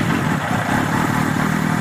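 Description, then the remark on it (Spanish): A motorcycle engine runs steadily, a loud, continuous rumbling drone with a faint clattering texture and no pauses or speech. “Cuando te eches a la carretera en tu moto,”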